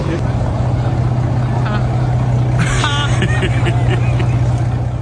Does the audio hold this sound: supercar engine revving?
yes